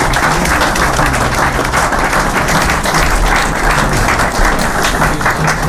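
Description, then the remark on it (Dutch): Sustained applause from an audience, a dense crackle of many hands clapping at steady volume throughout, loud with no talking over it. “Geweldig vinden we dat en we hopen dat jemme als keertjes dat ik waarderen kennen en ik zou graag een applaus voor al die meesken hebben willen van jem als keertjes zijnde.”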